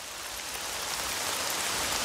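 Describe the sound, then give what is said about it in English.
Steady rain patters densely on a surface, a continuous hiss of countless drops with no pauses, moderately loud throughout. “People can run for cover in the rain, but weeds cannot.”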